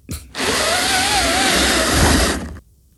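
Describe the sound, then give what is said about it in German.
One of five new pleated window blinds fitted to a windowpane is pulled up in one steady two-second stroke, making a continuous whirring rasp that rises slightly in pitch and sounds almost like a power drill. No voices. “Das ist eines von meinen 5 neuen Plissé-Rollos, die ich an die Fensterscheibe gemacht habe. Und ich ziehe es nach oben.”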